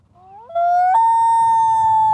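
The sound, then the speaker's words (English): A common loon's call, recorded on a phone from a kayak with the loons close to the boat: a single loud, mournful wail that rises, jumps up to a higher pitch and holds that clear, steady note, with a faint low rumble underneath. “This is what a loon sounds like.”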